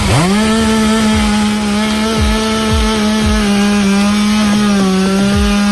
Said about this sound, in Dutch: Ja, dit was in Maastricht vanochtend. Daar zijn ook meerdere bomen de weg opgewaaid. De brandweer heeft ze moeten weghalen met de kettingzaag.